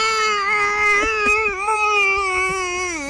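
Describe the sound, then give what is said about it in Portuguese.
A voice imitates a goal celebration at Flamengo games done with deep groans instead of shouting: one long, strained, wordless moan held for about three seconds with a wavering, slightly rising and falling pitch, fairly loud and steady throughout. “Eu amadureci e a minha comemoração de gol, eu fico enlouquecido nos jogos do Flamengo e eu comemoro enlouquecidamente, mas eu faço uns gemidos profundos, porque eu não posso gritar, então eu faço...”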